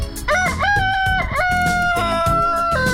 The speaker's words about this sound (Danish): En hane, der galer i nabolaget. Det er det mest hyggelige lyd nogensinde, synes jeg.